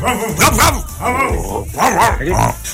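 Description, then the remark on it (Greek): A voice imitates a dog barking, giving several loud bark-like yelps in quick bursts with brief gaps between them, over a steady background murmur. “Γάβγισε το λίγο. Γάβ, γάβ.”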